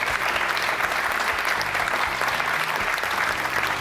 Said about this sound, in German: Applaus